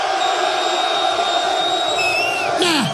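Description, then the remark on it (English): A crowd cheers in a loud, steady roar for about three seconds as the men in the audience are called on to make some noise, with a few high whoops and a sliding whistle-like cry rising out of the noise near the end. “Now, to all the brothers in the place that don't give a damn about what them ladies talking about, cause you just trying to get your man, make some noise.”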